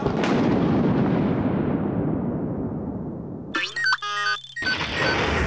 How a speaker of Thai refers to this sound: เรียนเสียงฟ้าผ่าเรียนเสียงอันตรายจากฟ้า